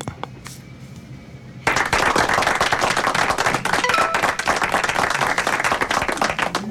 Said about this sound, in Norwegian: Og da skal vi klappe for deg